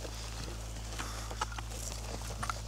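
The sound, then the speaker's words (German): Hooves of a horse walking in a caravan with sheep, a few faint, irregular clops scattered over a steady low hum, with no voices. “Aber schön mit Pferd und Schafen. Das ist eine richtige Karawane.”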